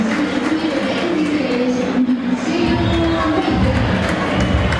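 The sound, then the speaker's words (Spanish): A stadium crowd applauding lightly for Boca player Bray as the Boca lineup is announced, a steady wash of scattered clapping and murmuring voices with a low rumble underneath, holding an even level without any loud burst of cheering. “Aplausos tenues para Bray.”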